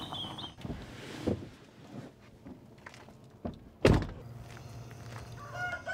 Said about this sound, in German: Gut, sicher. Hühner geht's gut. 1000 Maran-Hühner leben hier. Sie sind bekannt für hochwertige Eier.